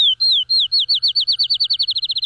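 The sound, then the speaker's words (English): A field sparrow sings alone, clear: sweet, slurred whistles start slow and spaced, then speed up into a rapid accelerating trill, like a bouncing ball. “That is our wild music of the week. I chose that one. That's the field sparrow.”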